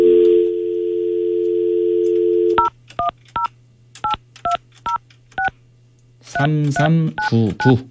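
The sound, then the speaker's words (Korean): A steady dial tone hums for a couple of seconds, then eight short, evenly spaced keypad beeps are punched in one after another as a Far East Broadcasting radio host calls a quiz challenger, followed by a brief burst of voice at the end. “꼭 맞추셔야 되는데 전화, 자, 다시 한 번요.”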